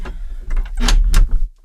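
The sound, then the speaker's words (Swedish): A hallway door is handled: a second or so of scraping, rumbling movement with a couple of sharper bursts, then it settles abruptly into quiet. “till exempel dörren är ju...”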